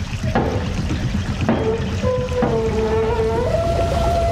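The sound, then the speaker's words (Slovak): Steady rushing water from a mill race fills the scene while the wheel of a mill's sluice gate is cranked to raise the gate, giving a few sharp clanks and a drawn-out, rising metallic squeal as it turns. “Hej, sused, potočte tým kolesom. Zdvihnite stavidlo.”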